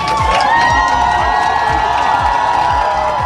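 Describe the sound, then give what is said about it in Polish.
A large crowd in Warsaw cheers and shouts continuously to welcome Poland's volleyball team, the new European champions, with high-pitched yells over a loud roar and a steady, rhythmic thumping beat underneath. “Biało-czerwoni byli wczoraj hucznie witani w Warszawie.”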